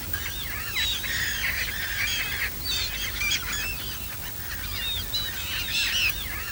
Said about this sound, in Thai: บึงน้ำด้านหลังเป็นที่อาศัยของเป็ดน้ำย้ายถิ่นมากมายที่ดูได้อย่างใกล้ชิด